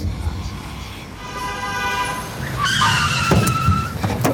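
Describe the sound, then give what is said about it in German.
A car skids to a halt in Berlin, nearly running someone over, its tires letting out a loud, rising squeal over a low engine rumble before it stops abruptly. “Du hättest mich fast überfahren. Ich dachte, es gibt schon längst keine Autos mehr in Berlin.”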